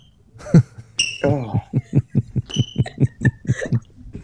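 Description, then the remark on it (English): A person's shoes are made to squeak on purpose, squeaking sharply against a floor and giving off a few high-pitched, beep-like chirps reminiscent of a smoke alarm, over a steady run of soft, rhythmic thudding footsteps. “It's like going down to the local basketball gym and you hear that all the time with the squeaky shoes on the floor.”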